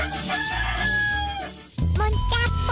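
A rooster crows loudly in long, harmonic calls that rise and fall in pitch, breaks off briefly, then crows again in a second burst over a steady low background.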